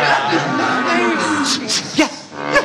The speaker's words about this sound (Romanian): Ascultați, cântă privighetoare. Ce cântec fermecător. Mugiște o vacă.